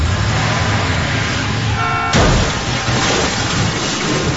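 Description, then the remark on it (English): Loud, continuous engine roar from a car chase scene in a film, with a brief car horn blaring just before a sudden crashing impact, after which the rushing vehicle noise carries on. “The car chase scene and the ultimate crash perspectives are so excellent.”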